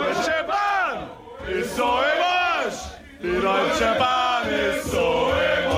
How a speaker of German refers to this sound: Grölende Fußballfans, die unzufrieden sind mit der neuen Regel.